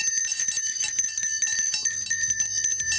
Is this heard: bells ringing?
yes